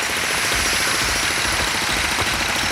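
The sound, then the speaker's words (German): Loud, continuous construction noise with a rapid mechanical hammering like a jackhammer over a steady engine drone, sustained throughout with no talking, at a construction site in Ulm. “Das wissen wir alle oder zumindest alle Menschen, die in Ulm leben und hier tagtäglich sich durch die ein oder andere Baustelle oder durch das ein oder andere Baugroßprojekt durchmanövrieren müssen.”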